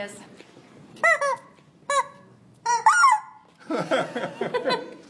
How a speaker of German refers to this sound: Ich glaube, wir lassen das mit den Enten. Das sind Hühner, keine Enten.